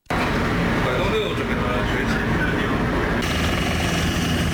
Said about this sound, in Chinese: 随着塔台指令下达，陆军第72集团军某旅多型直升机依次升空，飞赴任务水域展开搜救训练。